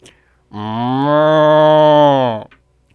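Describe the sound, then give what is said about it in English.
A single long, loud cow moo, steady and droning for about two seconds before cutting off, heard alone with no talking around it. “A cow person walks up onto the stage.”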